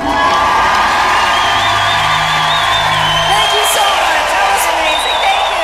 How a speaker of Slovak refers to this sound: keď sme pri potleskoch, tak máme tu pre vás jeden potlesk, pozorne počúvajte.